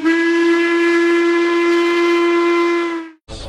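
A single loud steam train whistle blows one long, steady note for about three seconds, rich in harmonics, then cuts off abruptly into a brief burst of noise.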